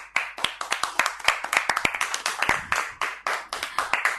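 A group of children clapping loudly for a child who has just told a story, sharp overlapping claps in a quick, fairly steady rhythm that goes on without a pause, with no voices over it.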